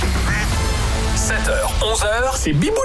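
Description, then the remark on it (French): A voice imitates a duck with a run of nasal, squawking quacks in a quick, uneven burst, loud over a faint background hum. “Mais alors, dès qu'il rentre à la maison, c'est un vrai canard.”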